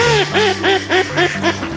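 A duck quacks in a quick, steady series of about seven nasal calls, each rising then dipping in pitch, fairly loud with no voices.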